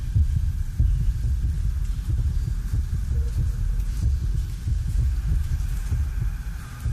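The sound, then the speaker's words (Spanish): A deep, muffled heartbeat, presented as the Minotaur's heartbeat inside the womb of his mother, Queen Pasiphae, thuds steadily and continuously over a low rumbling hum, fairly loud, with no voices present. “Son los latidos de Minotauro dentro del vientre de su madre, la reina Pasifae.”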